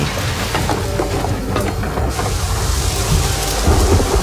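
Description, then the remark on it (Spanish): Steady heavy rain pours down with low rumbling thunder rolling underneath, in the trailer for the second part of the One Hundred Years of Solitude series, raining on the town of Macondo; a dense continuous wash of sound with no voices, growing slightly heavier toward the end. “Está lloviendo. En el pueblo de Macondo.”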